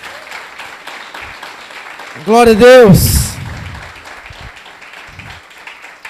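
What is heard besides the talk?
audience applause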